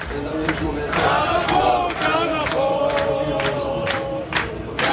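A crowd of football supporters cheering and chanting loudly in a pub, a dense, sustained roar of many voices with rhythmic sharp claps or bangs punctuating it throughout, recorded in the morning at one of many early-opening restaurants and pubs in Linköping, Östergötland, Sweden.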